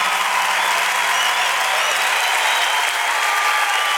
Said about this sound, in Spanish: Dale ese aplauso fuerte al Señor.